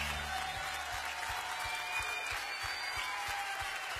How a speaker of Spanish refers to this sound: Aplaudale a él, eres digno.